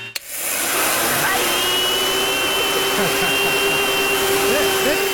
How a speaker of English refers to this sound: Yeah, maybe it's more like a leaf blower. No. I don't hear it. You don't hear it? Okay. Nah. Or is it a hair dryer?